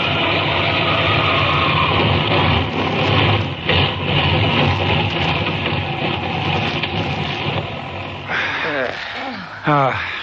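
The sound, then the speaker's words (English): A loud, rough airplane engine drones steadily, then near the end it falters into uneven, sputtering bursts with wavering pitch as the motor gives out before the plane lands on the desert floor. “Finally, the motor sputters for the last time.”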